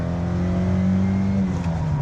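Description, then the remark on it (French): A 1.6-litre, 110-horsepower car engine revs, its deep humming drone rising and holding steady with strong low harmonics for about two seconds, loud and continuous with no voices. “Allez, on va écouter un petit peu le chant de ce 1,6 litre, 110 chevaux.”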